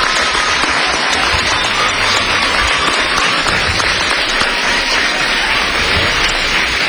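The players of a league applaud themselves steadily, a dense, even roar of many hands clapping that stays loud and unbroken for several seconds with no voices standing out.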